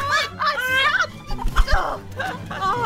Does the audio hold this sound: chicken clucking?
yes